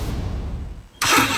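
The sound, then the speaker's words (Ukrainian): A car engine rumbles low for about a second, then roars up sharply into a loud, bright rev that holds to the end. “Газуємо!”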